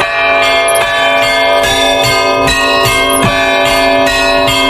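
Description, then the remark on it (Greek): Tuned monastery church bells in a valley called the little Mount Athos, in Greece, peal continuously in a layered, ringing wash, with repeated strikes roughly every second blending into sustained harmonic tones. Loud, with no voices. “Οι καμπάνες, ρυθμισμένες τονικά, παίζουν τη δική τους μουσική, σαν ένα εκκλησιαστικό όργανο της ερημιάς.”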